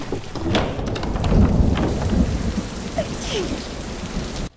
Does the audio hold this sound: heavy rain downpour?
yes